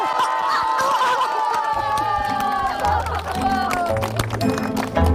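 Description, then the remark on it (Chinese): An audience in Shizuishan claps and cheers loudly for several seconds in support of Li Ding's team, a dense wash of applause mixed with excited shouts and whoops, while steady music plays underneath. “支持李丁队的，请鼓掌。”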